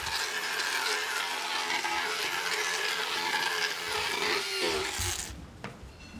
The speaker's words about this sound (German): Es wird gefeilt und geschliffen, bis alle Kanten und Spitzen glatt sind.